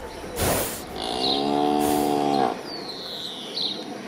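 A cow moos once in a long, low, drawn-out call lasting over a second, fairly loud, with birds chirping faintly in the background.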